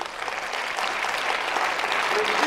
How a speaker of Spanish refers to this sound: ¿Alguien dice aleluya? Denle un aplauso a Dios.